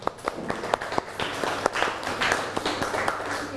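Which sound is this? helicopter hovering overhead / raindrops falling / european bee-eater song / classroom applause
classroom applause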